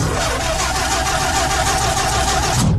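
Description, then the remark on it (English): A car, the Money Mobile, cranks and grinds steadily for a few seconds without catching, a dry, struggling whir because its battery has run down, with no one speaking. “There seems to be some sort of problem with the Money Mobile.”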